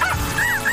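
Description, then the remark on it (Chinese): Three robot dogs bark in a quick run of short, high, warbling yips with a slightly electronic tone. The sounds are clear, with no talking. “奇怪，我听见三只机器狗在叫。”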